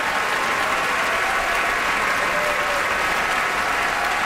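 Sustained, dense applause from a large opera audience at the Met during curtain calls for Carlo Alvarez and Isabel Leonard, a steady wash of clapping at even loudness throughout with no voices standing out.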